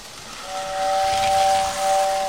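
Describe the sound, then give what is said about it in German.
A small model railway train lets out a steady, high whistle over a continuous steam-like hiss, fairly loud, lasting a couple of seconds with no talking. “Das war ja so eine kleine Modelleisenbahn.”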